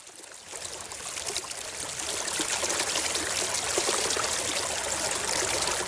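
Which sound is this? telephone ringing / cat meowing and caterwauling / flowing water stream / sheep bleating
flowing water stream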